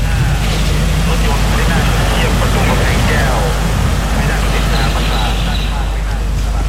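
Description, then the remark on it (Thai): A steady, heavy low rumble of the Thai royal motorcade of the King and Queen with members of the royal family moving slowly into the Kamphaeng Kaeo gate area of the Dusit Maha Prasat Throne Hall, beside the Ratchakaranyasapha Throne Hall, continuous throughout, with a murmur of voices and crowd noise layered over it. “ท่านผู้ฟังครับในขณะนี้ขบวนรถยนต์พระที่นั่งพระบาทสมเด็จพระเจ้าอยู่หัวและสมเด็จพระนางเจ้าพระบรมราชินีพร้อมด้วยพระบรมวงศานุวงศ์ได้เคลื่อนเข้ามาบริเวณประตูกำแพงแก้วพระที่นั่งดุสิตมหาปราสาทข้างพระที่นั่งราชกรัญญสภา”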